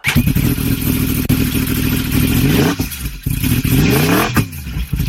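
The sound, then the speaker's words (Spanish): Racing motorcycle engines at the Gran Premio de Velocidad in La Bañeza roar loudly, revving up and down in rising and falling sweeps with a brief dip in between, continuous and harsh throughout with no voices. “La Bañeza, la ciudad de la moto, rugirá como nunca los días 7, 8 y 9 de agosto con la celebración del Gran Premio de Velocidad.”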